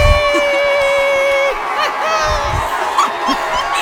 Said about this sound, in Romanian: Cu aplauze pentru ascultătorul nostru. Stai din Spania. Aici. Aplauze!